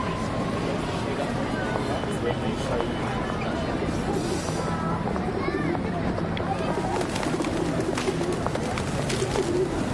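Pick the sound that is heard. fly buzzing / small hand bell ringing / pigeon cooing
pigeon cooing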